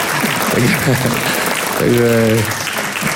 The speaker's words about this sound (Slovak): Tak jeden potlesk pre pani Dioryovú.